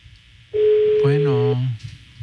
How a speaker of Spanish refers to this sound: Sonando, teléfono de la diseñadora.